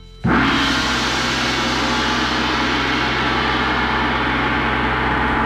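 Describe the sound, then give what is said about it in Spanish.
A gong made in the era of Genghis Khan's son, the father of Kublai, is struck once, and its loud, shimmering wash of low hum and bright overtones sustains without fading for several seconds. No one speaks. “En ese periodo se fabricó este gong que va a sonar así.”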